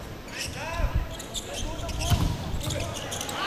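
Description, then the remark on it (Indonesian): A volleyball is served with a jump serve and then spiked, each hit a sharp thump echoing through a noisy indoor arena, with shoe squeaks and a murmuring crowd around the play. “Oh, ternyata pantulan bola yang di-spike oleh Rizky Ferdianto tidak mampu dikembalikan dengan baik oleh Dava Afrizal.”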